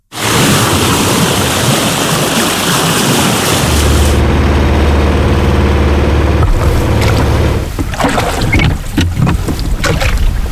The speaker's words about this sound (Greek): Σκάφος σε θάλασσα.